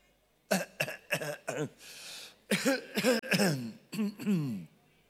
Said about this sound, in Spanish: Agarra la tos.